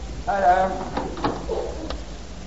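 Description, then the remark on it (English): A back door creaks open with a squeaky, drawn-out hinge, followed by a few sharp clicks and knocks as it swings shut and latches. “I think I heard the back door.”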